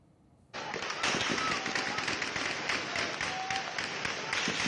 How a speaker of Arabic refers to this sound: ليلة على فيها صوت الرصاص في مدينة عزاز شمالي حلب. إطلاق نار كثيف جاء بعد شجار بين أفراد من المدينة تطور إلى استخدام السلاح، ما استدعى تدخل قوى الأمن الداخلي لفرض الأمن واستعادة الهدوء إلى المنطقة.